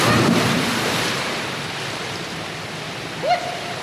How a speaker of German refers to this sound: Sie steht an der Spitze des Dreierbretts, springt mit Schwung hoch. Ihre Arme sind an ihrem Körper. Gestreckt und mit beiden Füßen voran taucht sie ins Wasser.